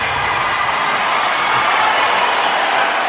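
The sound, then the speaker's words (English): A loud, sustained roar of a hockey crowd cheering after Beckett Seneca's goal, his fourth of the season, which evens the game during four-on-four play; a dense wash of voices and whoops holding steady throughout without a break. “Crowd fired up in a four-on-four play.”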